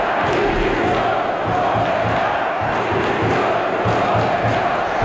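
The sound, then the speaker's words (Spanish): A large stadium crowd at Mestalla, Valencia, during a preseason match, chants loudly in unison demanding the resignation of Corberán, with a steady rhythmic pulse to the massed voices that stays dense and unbroken throughout. “Gritos de dimisión hacia Corberán, que no sé si es el principal responsable, pero es algo que desde fuera llama mucho la atención”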